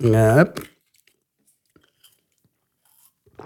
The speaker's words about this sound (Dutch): Een evangelist, ik neem heel even een slokje water, if you don't mind.